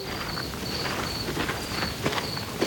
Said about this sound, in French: La nuit vient de tomber. Je marche sur un petit chemin de campagne. Tout est calme, mais le vent d'automne est tout de même un peu frais.